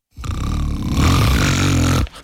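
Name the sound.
loud snoring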